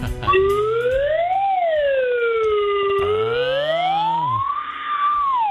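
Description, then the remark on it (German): A red alert alarm siren from the spaceship Enterprise (Raumschiff Enterprise) wails steadily and loudly, a bright electronic tone sliding up and down in slow sweeps, with a deeper second tone joining midway. No voices. “Alarmstufe Rot.”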